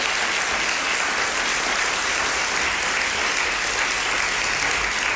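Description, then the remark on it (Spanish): Sustained applause from a sizable audience for the staff of Radio Sevilla, a dense steady wash of clapping that stays loud and even for about five seconds with no voices standing out. “Quería darles a todos ellos un aplauso, por favor, para los compis de Radio Sevilla”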